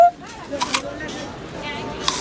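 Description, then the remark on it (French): Crisp, crunchy bites into a green apple: a few short, sharp crunches spaced irregularly, with softer moist chewing sounds between them. “Une pomme verte. Tu veux croquer dedans ?”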